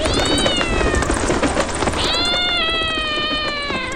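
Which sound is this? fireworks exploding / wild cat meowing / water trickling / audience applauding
wild cat meowing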